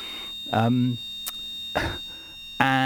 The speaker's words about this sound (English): oh dear, I can hear the alarm here at 4 going off. It's just testing, so I don't need to leave the building. Won't last forever.